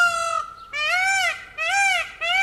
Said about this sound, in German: Bad Zwesten wird von einem Pfau unsicher gemacht. Und dieser Pfau spaltet die Gemüter.